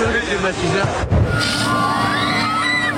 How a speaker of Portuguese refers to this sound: Neste supermercado no leste do país, o desespero fez os clientes brigarem por ares condicionados e ventiladores.